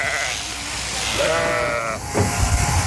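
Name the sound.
sheep bleating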